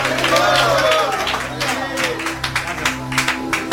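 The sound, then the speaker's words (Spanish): An audience claps together for Jesus on an evening, a dense crackle of many hands turning into steadier, rhythmic bursts, with murmuring voices and a low constant hum underneath. “Dele palmas a Jesús esta hermosa y bendecida noche.”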